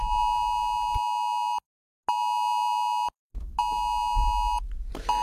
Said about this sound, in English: At 2 p.m. today, your phone is going to be making noises like this.